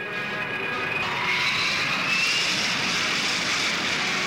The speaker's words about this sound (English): And listen to the Rolls-Royce Spey engine. First come taxiing tests.